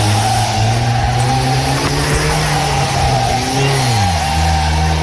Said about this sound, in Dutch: Hij ging er nog vandoor in een soort van rijdend wrak met rokende motor en is later opgepakt.